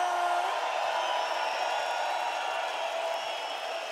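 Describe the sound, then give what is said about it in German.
A crowd in Stuttgart cheers and applauds in a steady, dense roar that holds at an even loudness for the full four seconds, with a few scattered whoops rising above the wash. “Bitte einen riesen Applaus.”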